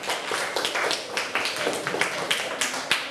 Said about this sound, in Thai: ถูกต้องปรบมือให้เพื่อนหน่อย